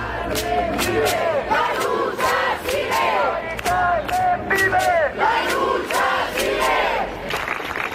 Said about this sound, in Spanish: los acampados han guardado un minuto de silencio que ha terminado con un aplauso general